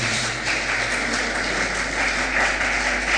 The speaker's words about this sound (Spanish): ¿Se merece un aplauso, Señor? Por favor.